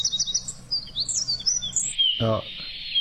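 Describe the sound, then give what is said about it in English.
High birdsong with a few quick chirping notes and sliding whistles, ending on a steady, level-pitched whistle held for about half a second, briefly overlapped by a short low voice-like sound. “Oh, I'd call that a flat whistle.”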